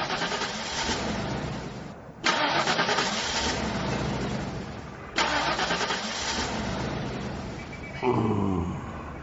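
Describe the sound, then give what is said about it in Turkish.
A car engine cranks repeatedly in loud, rough bursts, stopping and restarting several times without catching because its diesel fuel has frozen, with no talking over it. “Çalışmıyor işte mazot donmuş.”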